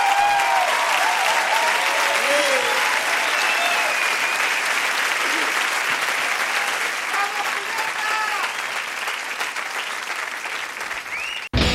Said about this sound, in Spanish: Un fuerte aplauso